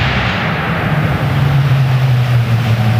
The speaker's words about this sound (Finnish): Nyt kuuluu ralliauto ääni. Se kuuluu John Armstrongin Sport Formula.